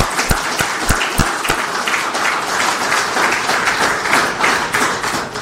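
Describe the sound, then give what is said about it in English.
A crowd applauds students for their success in a mathematics pilot, steady dense overlapping hand claps forming a loud, continuous wash, with a few sharp individual claps standing out at the start. “Join me in giving them all a rousing round of applause for their success.”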